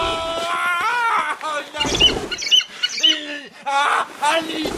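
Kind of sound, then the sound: bird, falcon calling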